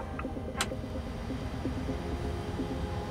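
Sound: aircraft engine starting up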